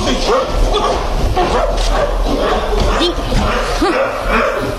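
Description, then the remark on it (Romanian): A dog named Dingo barks aggressively at the ship's cook, a rapid series of loud, harsh barks and yelps repeating throughout over a steady, noisy background. “Îl cunoști cumva pe câinele ăsta?”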